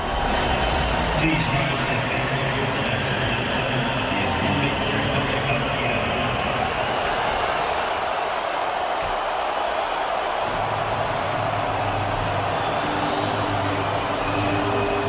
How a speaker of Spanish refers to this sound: No soy de los que les gusta un pelo oír abucheos a un himno, a ninguno, porque representa un país, pero no solo en presente, sino para mí en su historia también. Dicho esto, prefiero un abucheo a una guerra.